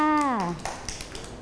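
A brief falling voice gives way to a patter of light, scattered hand claps from a small group of children, uneven and fading without a clear rhythm; the children clap for a classmate at the teacher's request.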